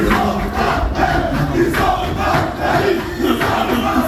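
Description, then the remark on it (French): Le Havre football players celebrate loudly in their locker room after the match that secured their Ligue 1 survival on the final matchday, heard through the doors: a dense chorus of shouting, cheering voices with rhythmic chant-like surges that stay loud for the whole stretch. “La joie des Havrais dans le vestiaire après le match s'est fait entendre à travers les portes.”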